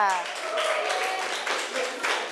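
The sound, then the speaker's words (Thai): Students in a class clap for group 5 in steady, dense applause for a couple of seconds, a continuous crackle of many hands at even loudness, with a brief voice audible at the very start. “ดีมากค่ะเอาปรบมือดังๆให้กลุ่มที่5ค่ะ”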